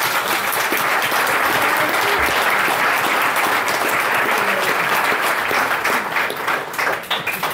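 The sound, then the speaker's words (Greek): A large audience applauds steadily and loudly, a dense wash of many hands clapping that holds for several seconds before easing slightly at the end. “Και θέλω ένα μεγάλο χειροκρότημα”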